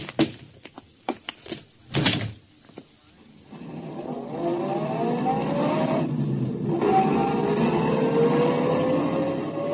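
Several sharp clunks, like a car door opening and shutting, then a car engine hums steadily and rises in pitch as the vehicle pulls away and drives on.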